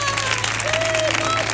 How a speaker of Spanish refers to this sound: Yo, hay pleno, ¿no? Fuerte el aplauso porque hay pleno.